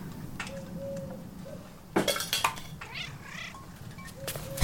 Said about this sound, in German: War nur eine streunende Katze.